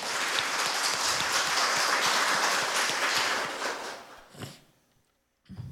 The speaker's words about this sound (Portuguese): Obrigado a vocês que estão aqui. Obrigado a vocês da caravana de Piancó, na Paraíba. Uma salva de palmas, gente.